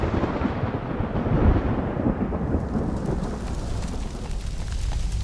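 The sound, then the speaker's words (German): A tropical thunderstorm in the dry season: a deep, rolling rumble of thunder fills the air, fading slowly as steady rain hisses down over it, the storm loud with no voices. “Wenn sich in der Trockenzeit tropische Gewitter entladen, kommt es schnell zu verheerenden Bränden.”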